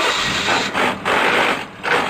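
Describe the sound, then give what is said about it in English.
A car engine runs loudly as the transmission grinds harshly through shifts, a rough, gritty mechanical noise that briefly cuts out a few times before grinding on. “Dude, get your shift together. That sounds horrible.”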